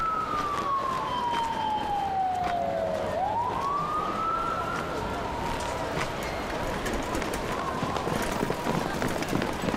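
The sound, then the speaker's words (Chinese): An ambulance siren wails over a busy, noisy background as someone is helped into the ambulance, its tone sliding slowly downward, then sweeping back up and fading into a steady, fainter wail. “赶紧扶救护车这里边，快快快快！”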